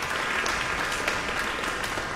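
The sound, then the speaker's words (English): Steady, dense applause from a large audience in a hall for a pianist at a Piano Cleveland event, a continuous wash of many hands clapping at once with no pauses, sustained and fairly loud throughout. “You just got a very big round of applause.”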